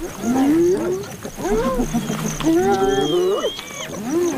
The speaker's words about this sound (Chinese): 斑鬣狗的进食风格是非常吵闹的，它们使用一系列的呜咽、叫喊和呼唤声来交流。斑鬣狗的声音可以传到几千米之外。